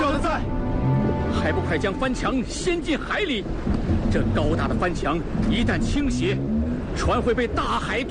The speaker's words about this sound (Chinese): 冀州海路历来多险阻，如今又风雨不停，不如跪拜焚香，祈求上天保佑吧。